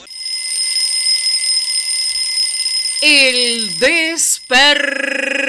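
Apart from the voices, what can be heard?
alarm clock ringing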